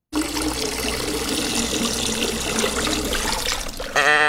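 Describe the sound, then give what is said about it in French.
The Pissevache waterfall in Valais, Switzerland, roars in a steady, dense rush of falling water, holding an even loudness for about four seconds before a short tonal, musical sound cuts in at the end. “Pisse-vache aujourd'hui, mais oui, pisse-vache, fameuse chute d'eau valaisanne, si on dit la pisse-vache.”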